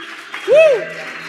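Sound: audience applauding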